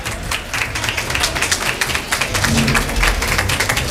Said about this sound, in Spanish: Están aplaudiendo en ese colegio electoral. Y este es el sonido que tiene.